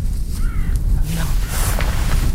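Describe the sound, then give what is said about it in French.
A kite's thin whistling call in the Pyrenees, amid forest and mountains, a brief high tone or two, rising faintly above a steady low rumble of background noise. “On entend les Milan.”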